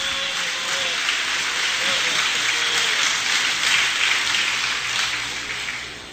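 An audience applauds the Lord steadily, a dense wash of many hands clapping at once that holds at an even, fairly loud level for several seconds, with no voices standing out.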